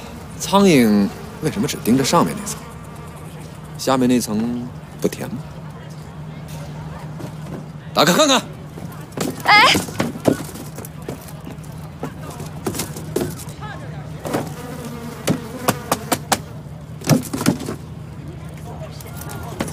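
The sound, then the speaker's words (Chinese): Houseflies buzz in a steady, continuous drone around rock-sugar cloud-slice cakes being carried to sell across the river, while people speak in short bursts over the top of the humming. “冰糖云片糕，怪不得那么多苍蝇飞来飞去盯着它。”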